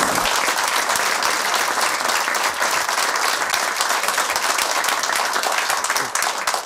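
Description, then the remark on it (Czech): A large audience applauds steadily and loudly for several seconds, a dense, continuous wash of many hands clapping with no voices standing out. “Já se omlouvám za tohle gesto, že jsem přerušil ten potlesk.”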